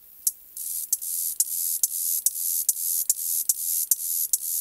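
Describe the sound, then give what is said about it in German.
A grasshopper sings a dry, high-pitched buzzing song, a sustained hiss broken into regular pulses with sharp clicks roughly every third of a second, steady and fairly loud with no voices. “Also die ist so aufzieht, die macht so rrt, rrt, rrt, und dann lässt sie fahren und dann macht zzz. Und genau so klingt die.”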